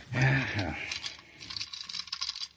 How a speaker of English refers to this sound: Well, the keys won't fit this one. Funny, the only room in the house that was locked.